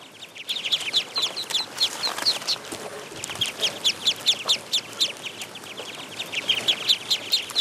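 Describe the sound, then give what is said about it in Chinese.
A group of ducklings in a rice paddy peeping continuously, their high, rapid chirps overlapping in a busy rhythmic chorus, moderately loud, with no talking. “对啊，那个螺就是这些鸭子的最爱。”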